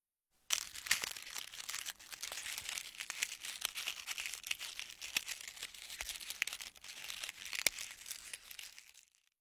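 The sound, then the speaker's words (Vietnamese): Steady crackling and crunching of something thin and crispy being bitten, with sharp little snaps scattered through about eight seconds of dense crinkly texture and no voices. “Đúng là cảm giác cắn vào cái gì đó mỏng và giòn nhỉ”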